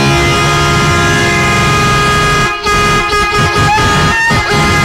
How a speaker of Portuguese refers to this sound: Alô, Vilmar, cadê a buzina aí? Solta a buzina.